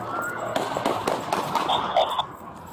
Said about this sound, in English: All right, we got shots fired by officers. The shooting happened on July 5th after officers heard gunshots near Knapp and Water.